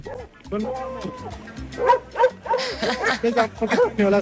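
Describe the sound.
Dogs being brought out by a man, a dog trainer and walker, bark in a string of short, sharp bursts, some overlapping, fairly loud, with people's voices mixed in underneath.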